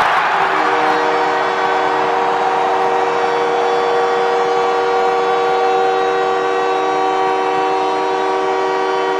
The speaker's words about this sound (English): Well, the captain of the Canadians, Nick Suzuki, gets the crowd into hysterics as he gets the Canadians to within one with his 22nd goal of the season.